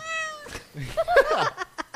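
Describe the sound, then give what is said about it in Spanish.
A person imitates Puss in Boots with an exaggerated cat meow, a long sliding wail, followed by a few short, clipped vocal sounds that keep going in quick bursts. “Y falta un gato con botas. ¿Gato con botas? Ahí está.”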